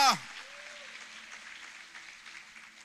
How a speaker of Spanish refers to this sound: Alguien que lo reciba, por favor, renueve ese aplauso. Quizás lo tenga cansado, agotado, pero dele más fuerte en esta mañana.